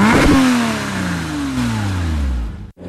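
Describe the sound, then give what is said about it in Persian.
A car races past at speed through a red light, its engine roaring loudly and then dropping steadily in pitch as it sweeps by and fades, with no voices. “طرف قرمز رد کرد. اوخ اومد. ای داده بیداد، داغونمون کرد.”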